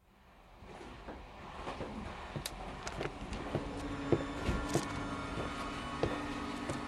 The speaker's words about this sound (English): So, we got on our train. We had a 3.5-hour ride until we reached our final destination.